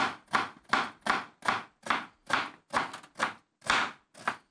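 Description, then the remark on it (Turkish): A knife slices an onion into rings with about eleven steady, evenly spaced cuts, for a dish to be baked in the oven. Each stroke lands as a crisp, crunchy chop against the board, with no talking in between. “Soğanı piyaz mı istiyorsun? Aynen, bunu da halka yapacağım.”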